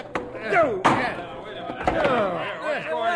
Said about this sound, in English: The boy just took a swing at my other friend and fell right off the chair.